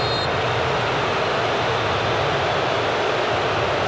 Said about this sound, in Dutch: Luistert u maar een keer hoe het publiek tekeer gaat.